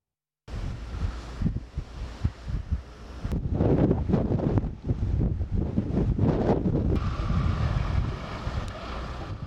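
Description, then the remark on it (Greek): Powerful gale-force wind roars and buffets the microphone in loud, surging gusts, a heavy low rumble that swells and dips continuously with no voices present. Storm winds with gusts over 100 km/h, reaching 11 Beaufort and constantly changing direction, during a large wildfire at Krya Vrysi, Rethymno. “Άνηση ήταν η μάχη με τις φλόγες λόγω των θυελλωδών ανέμων με ρηπές που ξεπέρασαν τα 100 χιλιόμετρα την ώρα.”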